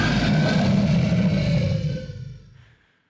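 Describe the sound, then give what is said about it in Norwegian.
A loud, sustained roar with a growling, raspy low rumble holds steady for about two seconds, then fades away into silence with no one talking. “Nå kommer det også et brøl for Ida.”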